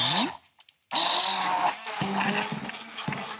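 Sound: blender mixing strawberries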